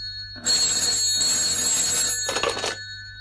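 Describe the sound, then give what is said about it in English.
A telephone bell rings loudly, a continuous metallic jangle lasting a couple of seconds before cutting off, with no voices present. “First three, four times, I didn't answer. But it kept ringing.”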